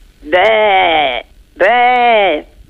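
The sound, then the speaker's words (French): A person imitates a sheep with two long, wavering bleats, each about a second, separated by a short pause, loud. “Et le mouton?”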